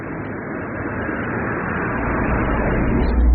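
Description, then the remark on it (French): A car drives by, its low rumble and tire hiss swelling steadily louder as it approaches, with no voices heard. “Il y a une voiture.”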